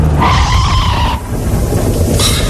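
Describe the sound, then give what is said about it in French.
A motorcycle skids with a loud, sustained tire squeal lasting about a second, followed by rough, noisy crashing and scraping that ends in a sharp, hissing burst. No one speaks. “Ah, j'ai vu l'accident.”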